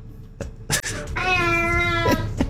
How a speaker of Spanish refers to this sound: Unos gatos para ustedes.